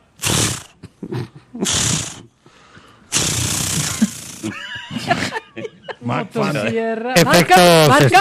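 Someone vocally imitates a chainsaw trying to start: three rough, sputtering bursts of noise, the last one longer, followed by tonal revving sounds and then laughter and chatter.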